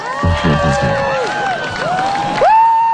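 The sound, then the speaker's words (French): A crowd exclaims in amazement during a solar eclipse in spring 2024, several voices letting out long, sweeping wows and excited shouts that rise and fall in pitch, with a burst of overlapping cries near the end. “Je sais pas si on a entendu les mêmes cris, les mêmes exclamations, effectivement, en Espagne, parce que ça, c'était chez nous au printemps 2024.”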